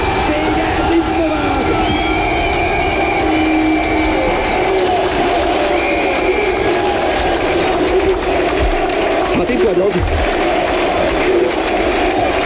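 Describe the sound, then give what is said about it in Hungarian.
A large arena crowd at an ice hockey match between Hungary and China roars steadily throughout, a dense, loud wash of cheering and voices with rattling noisemakers clattering inside it and no single speaker standing out. “De azt hiszem, most nálunk sokkal jobban, nálam sokkal jobban lehet hallani a közönséget.”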